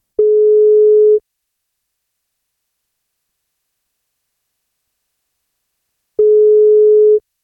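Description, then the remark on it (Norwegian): A telephone ringback tone sounds twice while calling a woman on her 47th birthday to tell her she gets a birthday cake, each steady, clear one-second beep separated by a long silent pause of about five seconds, with no voices present. “Hun fyller 47 I dag, og tar hun telefonen, så blir det kake på.”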